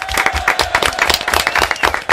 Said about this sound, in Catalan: Molt bé, fort aplaudiment.